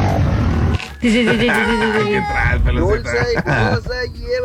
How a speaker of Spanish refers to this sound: Y uno de los sonidos que más identifico, ay, es el del burro. Me acordé de cosas cuando, ay, no sé, el sonido que hace el burro, como que hasta siento que ya trae ganas el burro.